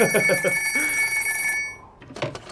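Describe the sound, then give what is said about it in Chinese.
An old-style telephone bell, the military commander's phone, rings continuously for about a second and a half, bright, then stops. A voice speaks briefly over the start and again after the ringing ends. “喂，司令员电话。”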